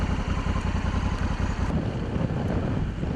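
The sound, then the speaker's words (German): A motorcycle engine roars steadily during a cycling race with a rough, pulsing low rumble, mixed with wind buffeting, and shifts tone slightly partway through as it keeps running. “Manchmal ist es so eng, dass selbst mit einem Motorrad kein Überholen möglich ist.”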